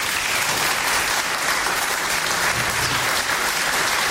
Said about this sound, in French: on peut déjà les applaudir très fort.